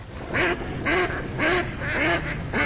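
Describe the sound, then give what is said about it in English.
Ducks quack in a steady rhythm, about five loud nasal calls evenly spaced, clear with no talking over them. “Do you hear that? And that's music to my ears. Time to gear out for bird season.”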